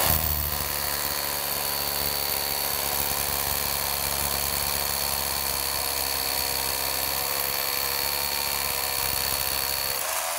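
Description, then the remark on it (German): A power drill grinds steadily into a stone used to simulate a wall for about ten seconds, a loud, constant droning whine with a sustained high tone and low rumbling vibration, no voices. “Nicht wackeln und auch nicht schräg reinbohren.”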